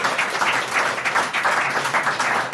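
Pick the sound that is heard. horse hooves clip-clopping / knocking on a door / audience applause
audience applause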